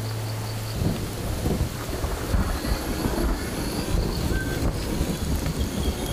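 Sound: rumbling thunder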